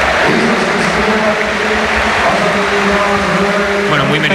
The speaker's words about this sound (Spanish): y se marcha Dani Olmo, que hoy cumplía 60 partidos. Escuchamos la ovación de Split.